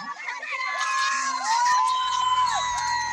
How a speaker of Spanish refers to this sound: La gente está emocionadísima aquí en las gradas. Están escuchando, grita, grita, grita, grita.